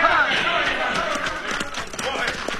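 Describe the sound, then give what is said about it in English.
Two riders' horses gallop hard at full gallop, their hoofbeats a rapid, overlapping drumming that holds steady and loud through the whole stretch against a rushing, noisy background. “That Cisco Kid and his partner's riding this way at full gallop.”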